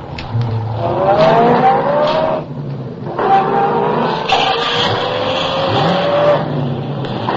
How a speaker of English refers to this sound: I had been spotted. The chase was on. I pushed the accelerator to the floor and drove for all I was worth.